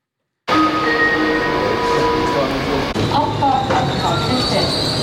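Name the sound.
passenger train stopping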